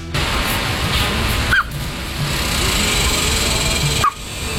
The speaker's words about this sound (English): That is a duck. A duck. With hiccups. I didn't even know they could get them.